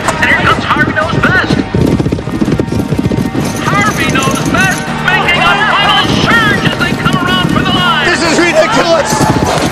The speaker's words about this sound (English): The blue gates are open and the horses and riders are away. And they're off.